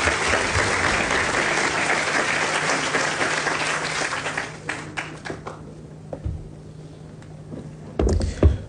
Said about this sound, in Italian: E allora vi chiedo il primo applauso per il presidente dell'ICE, Matteo Zoppas, che chiamo sul palco per il suo intervento.